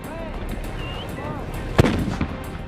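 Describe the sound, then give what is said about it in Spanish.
Handmade pyrotechnics fixed to a sledgehammer, struck with full force against a railway rail at a San Juanito celebration: one sharp, loud blast followed by a fainter crack, over a steady murmur of crowd voices and whistles. “Al marro o martillo se le coloca pirotecnia hecha a mano y luego lo golpean con toda la fuerza contra un riel de ferrocarril.”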